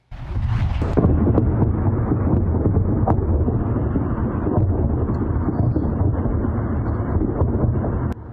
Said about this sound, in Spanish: Varias explosiones golpearon un muelle en una isla iraní en medio de intercambios de fuego.